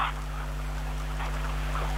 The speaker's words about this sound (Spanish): Ay, que está, que llueve, pero...